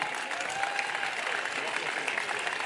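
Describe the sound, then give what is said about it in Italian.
Steady crowd applause at a May Day demonstration in a square in Marghera, broadcast by Radio Radicale, a dense wash of clapping that holds an even loudness throughout, with faint cheering voices mixed into the noise. “Un applauso grande.”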